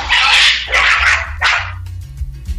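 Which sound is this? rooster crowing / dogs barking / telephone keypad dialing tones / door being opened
dogs barking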